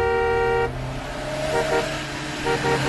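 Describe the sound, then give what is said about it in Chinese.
A loud, sustained horn blares for over half a second, then a rumbling stream of heavy truck traffic continues with shorter honks and engine noise, a three-wheeled motorcycle caught among the trucks on the way from Guiping to the Datengxia project headquarters. “三轮摩托车很快就淹没在大车的车流里。”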